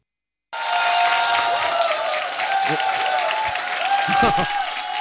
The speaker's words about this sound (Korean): 반갑습니다. 반갑습니다. 아유. 이게 함성을 이렇게 많이 질러주시니까 예, 제가 더 기죽습니다.